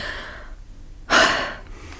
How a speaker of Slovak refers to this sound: Opäť sa mi ľahko dýcha.